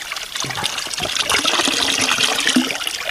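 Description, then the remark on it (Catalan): Water from a fountain pours steadily for about three seconds as someone gets a drink, a continuous trickling splash with a slight rising fill tone and no voices. “tinc ganes de beure un cop.”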